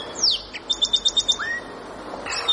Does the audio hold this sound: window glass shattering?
no